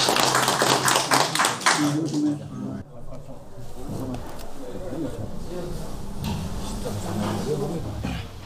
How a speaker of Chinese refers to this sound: 可以，咱们鼓掌吧。